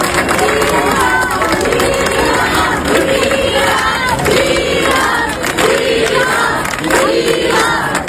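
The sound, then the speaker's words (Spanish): A loud crowd in Ceuta cheers and shouts over dense applause for Juan José Vivas, president of Ceuta, as he leaves his meeting with Ángel Víctor Torres. Raised voices swell in repeated bursts roughly every second, like rhythmic chanting, and the noise stays steady and unbroken throughout. “Y también aplausos a Juan José Vivas, presidente de Ceuta.”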